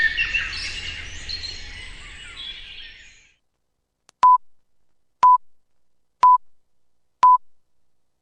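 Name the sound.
radio time signal beeps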